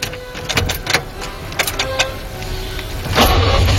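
An old FSO Syrena car, a model FSO began producing in 1972, starting up: several sharp mechanical clicks and uneven cranking, then the motor catches near the end and settles into a loud, steady running rumble.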